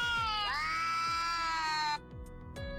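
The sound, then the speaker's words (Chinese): A recording of two cats meeting, played to an AI pet translator: a cat lets out a long, loud, drawn-out yowl that rises and holds steady for over a second, then breaks off, with a few low thuds and fainter yowling sounds following. “而如果播放两猫相遇时的叫声，翻译器又给出了答案。”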